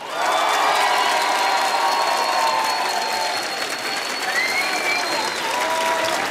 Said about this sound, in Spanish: Vamos a hacer un aplausómetro. Venga.